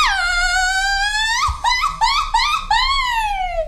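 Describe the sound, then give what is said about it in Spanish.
A mariachi grito in "mariachi panzón" style from one voice, a Mexican woman: a long, high, rising yell, then a quick run of warbling yips, ending in a drawn-out falling cry. Loud and alone, with no talking. “Échate un grito de mariachi panzón.”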